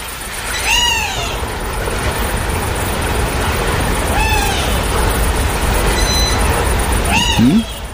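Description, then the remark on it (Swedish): A wading bird gives three short, descending whistled calls spaced a few seconds apart, soft against a steady outdoor background hiss. “Det är nog en vadare som ropar där. Som passar på att svara. Kanske rödbeda.”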